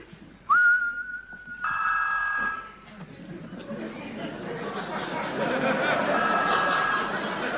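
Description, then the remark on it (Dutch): A single steady whistle tone, held for about a second, makes a keychain send a signal to a telephone, followed by a loud electronic phone ring with bright harmonic bursts, then background chatter and noise as the ringing repeats faintly. “En nu, dames en heren, geeft de sleutelhanger, wanneer ik fluit, een signaal af aan de telefoon die vervolgens overgaat.”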